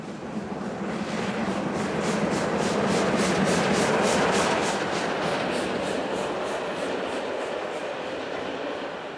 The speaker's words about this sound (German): unserer großen Dampfsonderfahrt quer durch Deutschland über fast 4000 Kilometer nur mit Dampf.